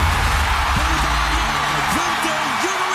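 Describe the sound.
A loud, steady roar of a screaming crowd fills the whole stretch, nearly burying a man's voice talking underneath it: the audience at the 2026 Song Contest in Vienna cheering as Bulgaria wins for the first time, drowning out the Swiss television commentator.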